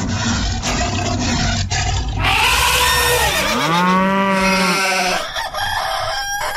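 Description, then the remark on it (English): After a burst of dense, noisy sound, a rooster lets out one loud, drawn-out crow, its call rising and then trailing off over a busy background. “I love the rooster in the end.”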